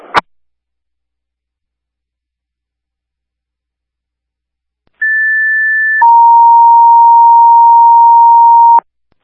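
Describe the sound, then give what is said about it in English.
A dispatch paging alert sounds: a steady higher tone for about a second, then a longer lower tone held for nearly three seconds, loud and clean, after a brief click at the start. “If you want to hit our tones again.”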